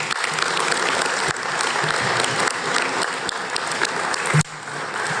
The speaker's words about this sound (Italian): Accompagniamo con un applauso la protagonista di questa giornata